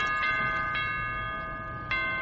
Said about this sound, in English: Oh, man. I hate to stop that noise. Bloody doorbell.